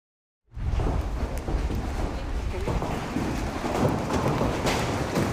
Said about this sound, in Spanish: Y una intensa tormenta acompañada de granizo de gran tamaño sorprendió a los habitantes de Asunción, Paraguay. Mírelo.